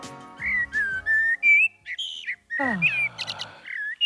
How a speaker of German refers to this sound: Und jetzt die Amsel.